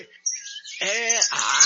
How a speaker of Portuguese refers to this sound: Ó, solta as passaradas tudo aí pra nós ouvir aqui em São Bernardo, pro povo que tá dormindo acordar, meu irmão.